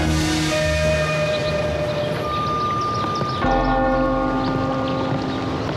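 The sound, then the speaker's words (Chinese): The large bell of an old temple tolls twice at noon, about two or three hills away. Each deep stroke is followed by a long, humming resonance that lingers and fades, with a low rumbling ambience underneath and no voices. “午时钟声已响，我领二位先回房小憩如何？”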